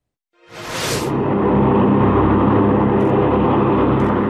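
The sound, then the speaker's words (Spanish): An MQ-9 Reaper unmanned propeller-driven drone of the US armed forces flies by with a steady, loud droning engine hum, rising quickly out of silence and holding constant with a brief initial whoosh. “Las aeronaves no tripuladas, MQ-9 Reaper, actualmente operan en África y se desconoce cuántas serían enviadas al Comando Sur.”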